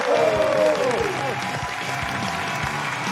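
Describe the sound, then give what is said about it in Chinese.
A crowd applauds steadily, dense clapping at a loud, even level, with a brief musical sting and some voices in the first second. A crosstalk show audience is welcoming guest Miao Bo, a film and TV actor and well-known host. “那我们接下来请上我们今天嘉宾，影视演员也是著名的主持人苗博老师，掌声有请。”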